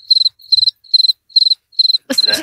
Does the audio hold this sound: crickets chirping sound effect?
yes